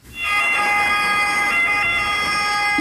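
An ambulance siren wails steadily, its bright tonal layers sustained at high pitch and loud throughout, with a slight warble and no voices over it.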